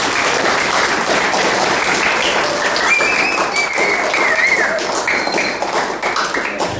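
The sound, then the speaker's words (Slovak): An audience at a competition awards announcement applauds steadily, a dense wash of many hands clapping at an even loudness for several seconds, with a few faint whistles or cheers rising above it midway. “Potles veľký aplav, zdajme tomu.”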